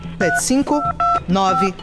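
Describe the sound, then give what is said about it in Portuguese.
A quick run of telephone keypad dialing tones, several steady beeping presses in a row, fairly loud, partly mixed with voice-like sounds. “Por isso eu quero lhe chamar agora, chamar a sua atenção para você pegar o telefone e ligar, ligar agora.”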